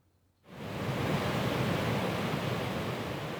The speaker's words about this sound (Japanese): 小立海水浴場に来ています。だいたい60メートルから70メートルぐらい砂浜が広がっていて